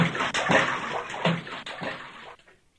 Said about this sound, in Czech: Slyšeli hlučné žblunknutí a pleskot a viděli, jak se Franta jako kapr válí ve vodě.